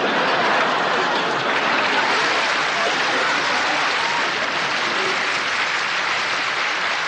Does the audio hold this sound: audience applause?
yes